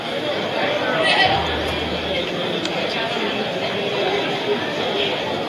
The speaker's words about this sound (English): Crowd still filing in to Wilson Ballpark. It's pretty hot outside. 88.